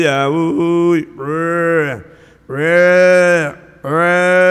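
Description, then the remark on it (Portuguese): Cows and calves on a farm moo loudly, four long drawn-out bellows in a row, each holding a steady tone before dropping off, with short quiet gaps between them. “Esse como é gostoso, mas na fazenda, chamando a vacada para ter ali, a bezerrada, berrando a vacada.”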